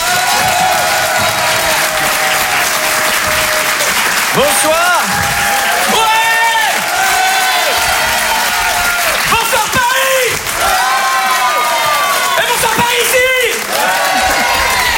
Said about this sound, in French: Je vous demande de faire un tonnerre d'applaudissements. Faites du bruit, s'il vous plaît